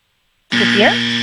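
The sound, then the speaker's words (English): After a short silence, a quiz game buzzer blares in abruptly, a loud, harsh, steady electronic buzz held to the end, with a voice briefly audible underneath it. “you just beat the buzzer, barely.”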